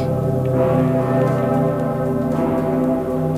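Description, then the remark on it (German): The huge, deep great bell of Cologne Cathedral tolls steadily, its rich low hum and layered overtones ringing on without pause, loud and resonant with no voices present. “Ja, beim dicken Pitter. Der läutet ja nur zu ganz besonderen Anlässen, zum Beispiel an Weihnachten.”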